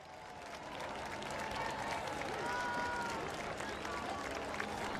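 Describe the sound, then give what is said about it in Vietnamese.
A large crowd at a port in the Canary Islands cheers and claps continuously as the Pope arrives and steps out of a car bearing the Vatican flag, a dense roar of voices and applause that swells early and stays loud throughout, with scattered shouts rising above the din. “Trên chiếc xe có gắn lá cờ của Vatican giữa những tiếng reo hò.”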